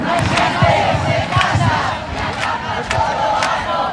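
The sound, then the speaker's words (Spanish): A large housing protest crowd fills the Plaza de Obradoiro in Santiago, Galicia, at the foot of the cathedral, chanting in unison, loud and sustained, with rhythmic shouted bursts roughly every second rising over a dense roar of many voices. “Vamos a empezar con esos ecos a la movilización por la vivienda que ha llenado la Plaza de Obradoiro.”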